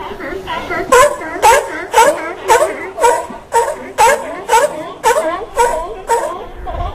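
A seal barks over and over, about ten loud, honking calls in a steady rhythm, each a short harsh bark with a slightly wailing tail.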